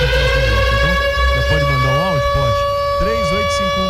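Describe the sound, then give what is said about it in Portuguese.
A loud, steady siren sound effect, played on air during a radio broadcast, drones throughout, its pitch holding level rather than rising and falling, while voices talk over it in the foreground. “Tem sirene aí pra tocar pra gente, meu irmão? Por favor, sirene, porque já tem clássico.”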